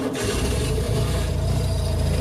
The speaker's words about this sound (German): Also das Ding wird seit 1990 nicht mehr produziert. Ihr Revival als Elektroente ist für echte Entenfans aber vermutlich eher schwierig, denn die erkennen ihre Original-Deux-Chevaux natürlich am Sound.